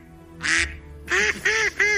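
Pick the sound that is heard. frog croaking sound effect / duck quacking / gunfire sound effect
duck quacking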